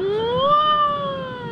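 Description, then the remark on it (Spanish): A siren wail sweeps upward in pitch, then holds a steady, slightly falling tone, loud and alone, with no voices over it. “Escucha, escucha la sirena. Viene la sirena.”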